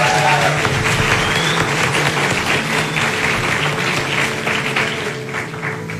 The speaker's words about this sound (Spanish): Que se escuchen los aplausos, por favor.